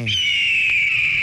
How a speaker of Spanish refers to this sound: ¿Por qué pones ese sonido de las águilas, mano?